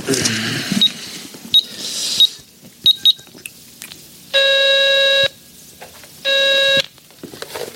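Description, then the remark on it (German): Several short, sharp payphone keypad beeps sound at uneven intervals over faint handling noise as a number is dialed using a phone card, followed by two longer, steady electronic tones, fairly loud, with no talking. “können wir doch wenigstens mal anrufen und fragen, oder?”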